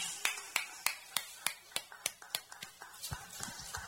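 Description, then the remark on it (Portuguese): Steady rhythmic clapping for Jesus after a baptism, about a dozen sharp, bright claps in an even beat, with a softer patter of scattered claps continuing underneath toward the end. “Palmas para Jesus.”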